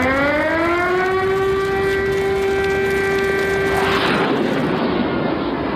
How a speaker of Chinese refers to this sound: 上世纪60年代某天，东南沿海突然警报大作，一架 U-2 正向南京逼近。